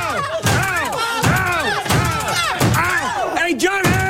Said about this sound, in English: Like all of Wayne's movies, this one is filled with dumb jokes and silly visual gags, like when Hamm's Mad Men co-star John Slattery's foot keeps getting slammed in a door.